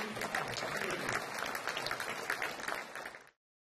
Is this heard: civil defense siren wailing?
no